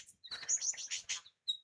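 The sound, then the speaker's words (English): A lyrebird mimics the rapid, high, thin musical chatter of a mob of fairy wrens, hyperactive perky-tailed Australian birds. It is a dense, busy burst of twittering notes followed by one short sharp chirp, with no talking. “That's mimicking a mob of fairy wrens.”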